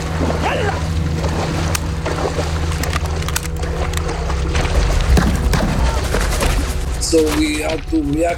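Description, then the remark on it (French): Scattered bursts of gunfire from Sudanese soldiers crack over a steady low rumble of Zodiac boat engines on a beach at night in March 1982, during a rescue of Beta Israel refugees, with agitated voices shouting toward the end. “Ils nous tiraient dessus, ils tiraient sur les bateaux.”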